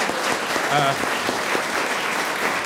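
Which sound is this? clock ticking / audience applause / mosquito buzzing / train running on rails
audience applause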